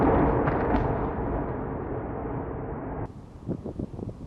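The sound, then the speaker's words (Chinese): A missile strikes a building in Kyiv, Ukraine: a loud, heavy blast rumbles through the first few seconds as a broad roar, then fades into quieter crackling and scattered impacts. No one speaks. “导弹击中建筑物，发生猛烈爆炸。”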